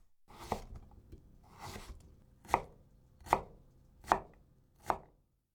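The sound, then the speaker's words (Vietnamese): A knife chops through cucumber on a cutting board, cutting it into pieces about 5 mm in size for a garnish: two softer, drawn-out slices, then four crisp, evenly spaced thunks. No one speaks. “Đầu tiên là thái dưa chuột.”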